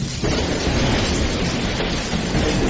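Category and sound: nature, thunderclap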